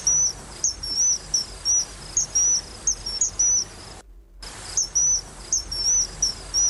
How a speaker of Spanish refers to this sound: No tienes ni que meterte en el barro para ver muchísimas cantidades de aves que pasan volando, que pasan por debajo del puente. Que, claro, para que verlas o para escucharlas, como por ejemplo a este Martín Pescador.